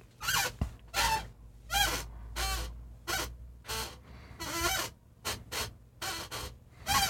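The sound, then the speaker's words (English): A squeaky chair creaks again and again in a dozen or so short, strained bursts with a rough, high-pitched squeal, uneven in rhythm and fairly loud, with no talking. “This is very squeaky, this chair. Can you hear this?”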